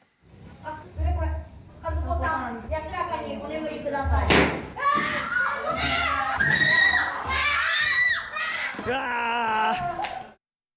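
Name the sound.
screams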